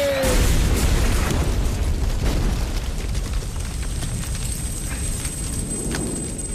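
A bomb dropped from a shaking airplane: a short falling whistle cuts into a loud, roaring explosion whose heavy rumble and crackling debris fill several seconds, staying dense and powerful to the end with no voices.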